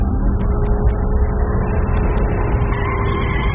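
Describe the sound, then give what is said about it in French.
The engine of a latest-model London Cab, a hybrid taxi with combustion and electric motors, gives a steady, muffled purr with a slightly metallic edge, running continuously, with a few faint high squeaks flickering above the low rumble. “et, plaisir coupable, il aime le ronronnement feutré, un peu métallique de son London Cab dernier cri, un véhicule hybride à moteur thermique et électrique.”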